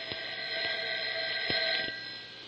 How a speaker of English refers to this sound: Don't answer the telephone if it rings.